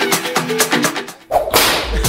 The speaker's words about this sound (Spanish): El latigazo.